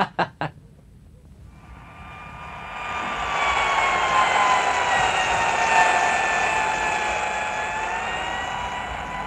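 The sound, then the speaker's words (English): A dentist's drill, used to fix an inlay, whirs: a few sharp clicks, then a high, tonal whine swells in and holds steady and continuous for several seconds, without any voices. “As the dull, insistent sound of the dentist's drill stopped from time to time, the patient looked around the office.”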